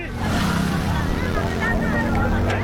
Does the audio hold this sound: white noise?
no